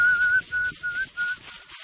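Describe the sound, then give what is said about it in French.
A man whistles four short, steady-pitched phrases in quick succession, moderately loud, with a soft breathy hiss underneath and no talking. “L'homme siffle.”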